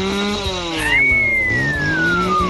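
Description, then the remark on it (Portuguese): A motorcycle engine revs loudly, its pitch climbing and then sliding down with a sharp, high whine across the short burst. No voices are heard. “Não acelera muito essa moto, homem.”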